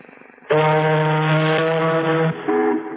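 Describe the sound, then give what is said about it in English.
A voice imitates an ocean liner's horn with a loud, deep, droning blast held for nearly two seconds, then breaks off briefly before starting a second, shorter blast. “Now, an ocean liner?”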